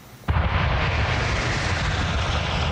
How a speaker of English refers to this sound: The familiar roar of a flyover in formation will soon be coming to an end as Canada's snowbirds prepare for what will now be their summer swan song, at least for now.